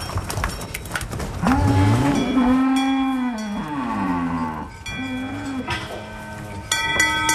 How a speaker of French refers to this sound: Donc nous, elles prennent un premier repas de foin après la traite ici. Et ensuite, on les emmène en pâture pour manger le peu d'herbe qu'il y a. C'est l'heure d'aller dans le pâturage pour les vaches de Mathieu.